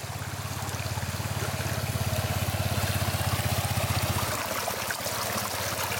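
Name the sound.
river stream flowing water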